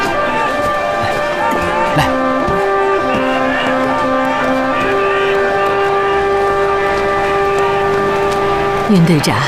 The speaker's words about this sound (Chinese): 没有，我们到营口了。哎呀， 是轮船的汽笛，哎呦， 到了，真的到了！